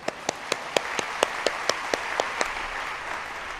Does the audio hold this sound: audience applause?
yes